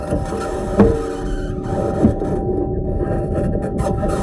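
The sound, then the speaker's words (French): The Mars rover Perseverance driving on Mars, recorded during a drive: a steady, grinding mechanical whir with a low hum and faint high whine, broken by two sharp clunks early on, with no voices. “Et je vous propose d'ailleurs d'écouter quelques sons enregistrés lors d'un déplacement.”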